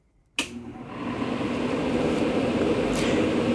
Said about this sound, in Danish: Fordi, ja, det er altså lyden af en airconditioning, eller på dansk klimaregulering. Så vi lige kan få temperaturen et par grader ned